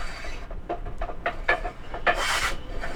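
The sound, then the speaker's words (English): A hand saw rasps through wood in a steady back-and-forth rhythm, roughly three strokes a second, as men aged 67 to 85 build tables, planters and chairs at the back of a community center, each stroke a harsh, scratchy burst with the last few growing louder and brighter. “When you arrive, the sound of men chatting and sawing wood will likely be coming from the back of the building.”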